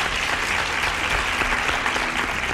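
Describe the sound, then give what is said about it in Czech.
A burst of applause played on Country Rádio for a listener who answered a quiz question correctly: dense steady clapping from many hands at even volume throughout, with no voices over it. “Potlesk letí pro vás.”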